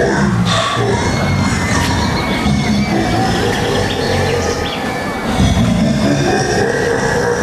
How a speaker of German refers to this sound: Endlich fuhr wieder ein Zug ein. Boah, der sieht aber ganz schön gruselig aus. Ja, nicht? Der Totenkopf da vorne am Zug, der hat schon was.